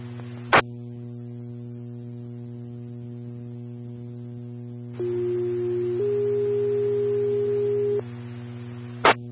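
Radio dispatch alert tones: a steady lower tone for about a second, then a longer, slightly higher tone, over a constant electrical hum, with sharp static clicks at the start and end.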